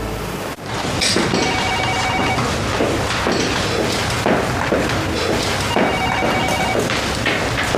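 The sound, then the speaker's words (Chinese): A telephone rings in two long bursts, its bright electronic trill going unanswered over a loud, dense background of music and heavy thuds, with no one speaking. “中原还在生我气呀？怎么不接我电话呢？”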